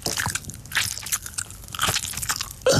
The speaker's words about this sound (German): Pfefferminzteebeutel naschen?